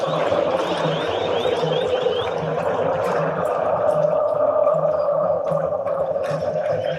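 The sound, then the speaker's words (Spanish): A dense, steady roar of Brazil national team football fans chanting in a stadium in Philadelphia, with a continuous wash of many voices and a faint pulsing rhythm underneath, holding at a constant loud level throughout. “Vamos a vibrar como si estuviéramos en Filadelfia para gozar. Disfrute usted como si estuviera en el estadio. Escuche, escuche a la afición brasileña.”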